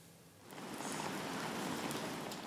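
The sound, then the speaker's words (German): Steady rain falls outdoors, a soft, continuous hiss that swells after a brief quieter moment and holds evenly, with a sharper spatter at the very end. No voices. “hat ihn deshalb ganz bewusst im Regen stehen lassen”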